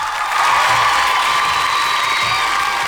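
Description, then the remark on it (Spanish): A crowd applauds and cheers steadily for a girl graduating from preschool, dense clapping mixed with shouts and whoops, loud and sustained throughout with a few high-pitched voices rising above the roar. “Esas fanfarras son de todos tus fans”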